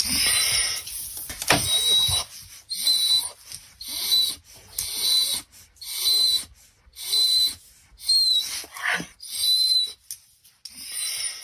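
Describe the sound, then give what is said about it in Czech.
A large wolfdog whines in a steady series of high, thin whimpers, about nine short pulses roughly a second apart, each with a piercing squeaky edge and brief pauses between. “Bylo to psí kučelní, byl to vlčák, tedy byl to velký pes.”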